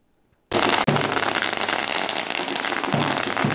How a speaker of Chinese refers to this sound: 鞭炮声不断，球员整齐走进校园，两旁学生热烈迎接。